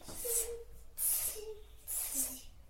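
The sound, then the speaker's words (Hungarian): A child imitates a snake as a sound exercise, with three sharp, breathy hisses in a steady rhythm, each about half a second long and separated by short pauses. “Kígyó hangja.”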